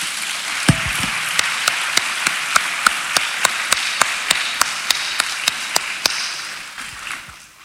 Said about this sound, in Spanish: ¿Cuántos bendicen a los hermanos? Amén. Denle un aplauso al Señor por ellos.